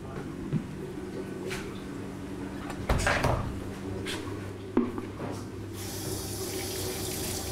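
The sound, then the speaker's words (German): Warm water runs steadily into a basin to thaw a frozen feeder mouse for a young rattlesnake, a continuous splashing hiss with a few sharp knocks and clatters of objects against the basin or cupboard. “Die taut ziemlich schnell auf, jetzt im warmen Wasser.”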